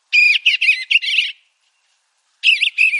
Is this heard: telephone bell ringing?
no